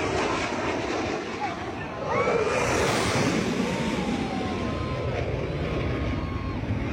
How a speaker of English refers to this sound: You can hear one Blue Angel fly past the crowd, flying low and over the water right behind it. The second passing over the crowd, sending sand in the air and beach umbrellas flying.